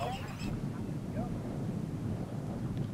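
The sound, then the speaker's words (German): Outdoor wind rumble with a few scattered, brief goose honks and calls over steady gusty noise; voracious geese on farm pasture on an island. “Die gefräßigen Gänse, eines von vielen Problemen.”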